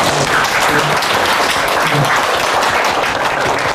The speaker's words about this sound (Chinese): 让我们用热烈的掌声欢迎季总。